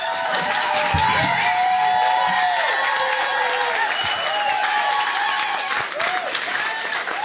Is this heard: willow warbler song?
no